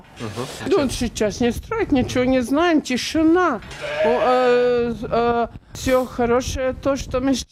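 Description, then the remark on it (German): Many sheep bleat in a barn on a family farm, heard from the barn entrance, their wavering, overlapping calls following one another almost without pause, some drawn out and quavering, others short and sharp. “Inzwischen stehen wir am Eingang zum Stall. Alles okay bei den Schafen.”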